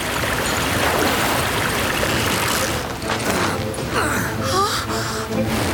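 Loud, rushing river water churns and splashes continuously, with a sharp gasp and turbulent surging as something plunges into the fast current, close and intense throughout.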